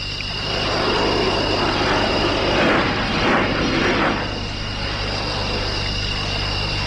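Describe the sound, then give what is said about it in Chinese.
An airplane drones overhead at midnight, flying in the clouds, its broad engine roar swelling to a peak midway and then easing back into a steady hum. No one speaks. “飞机现在的人真能，还跟半夜了还在云彩眼里飞嘞。”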